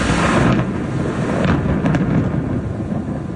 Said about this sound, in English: That thunderstorm occurred in Biloxi, Mississippi last night.